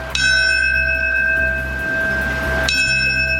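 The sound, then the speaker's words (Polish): A large memorial bell at Ground Zero in New York tolls twice, part of seven tolls before a minute of silence for people who died of World Trade Center-related illnesses; a slow, solemn strike followed by a long resonant ring before the second toll, with no voices present. “Minutę ciszy poprzedziło 7-krotne bicie dzwonu.”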